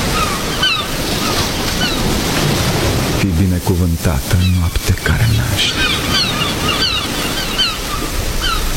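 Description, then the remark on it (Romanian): A storm begins outside: a loud, steady roar of wind and crashing surf fills the whole stretch, with a voice speaking briefly over it midway through. “Începe furtuna afară.”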